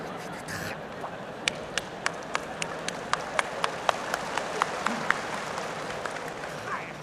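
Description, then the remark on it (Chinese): An audience applauds, with a steady run of sharp, evenly spaced claps cutting through a dense wash of crowd noise for several seconds. “来鼓掌，上来俩有劲儿的小伙子，把他轰一下。”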